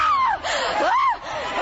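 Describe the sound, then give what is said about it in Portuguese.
A church audience shouting in prayer to Jesus, many voices crying out at once in a loud, continuous wall of sound, with wavering cries rising and falling over the dense crowd. “Grita para Jesus”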